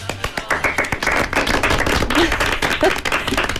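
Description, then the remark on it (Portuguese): An audience applauds the cast of the musical O Fantástico Sr. Walk, starting with a few scattered claps and quickly building into a dense, steady wash of clapping that holds strong for several seconds. “Então, um forte aplauso para o elenco do musical O Fantástico Sr.”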